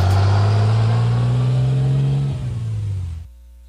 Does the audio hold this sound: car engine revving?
yes